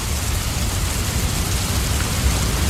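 Steady heavy rain pours down in a dense, even hiss with a deep low rumble beneath, loud throughout with no voices.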